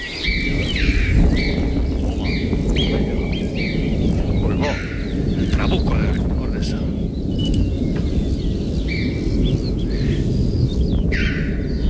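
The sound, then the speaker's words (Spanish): Deep thunder from a distant storm rumbles and rolls steadily through the large Ordesa canyon in the high mountains, a dense low roar that never quite fades, while small birds, choughs, chirp and tweet in short repeated bursts above it. “Pedazo de trueno, Es que el cañón es muy grande y lo multiplica por mucho.”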